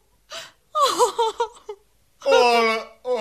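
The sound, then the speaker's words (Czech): A woman sobs and wails in a few broken, strained bursts, with short gasping breaths between them, fairly loud with no other sound. “Ale, paní Terezko, nač ten pláč?”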